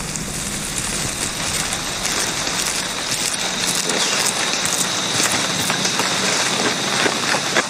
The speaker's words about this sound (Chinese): 雨林中的雨总是来得快，去得也快，棕毛吼猴一家可以继续他们的日常生活了。